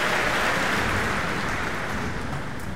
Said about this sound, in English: Also a violin solo by concertmaster Alexander Velenzone, as Keith Lockhart asks all the members of the Boston Pops to stand and receive the applause here at the Kuzovitsky Music Shed.